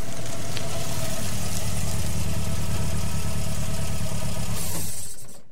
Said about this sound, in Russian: свернула на проселочную дорогу и заглушила мотор.